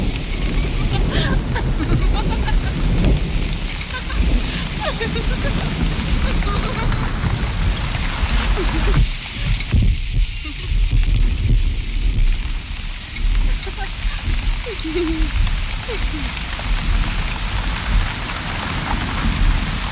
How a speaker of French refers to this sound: Ne restez pas sous la pluie, vous allez prendre froid.